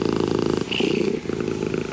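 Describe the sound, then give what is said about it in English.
A cat purring steadily, a continuous low rumbling vibration with fine rapid pulses and a slight swell in the middle, no talking over it. “And it's back to cats once again”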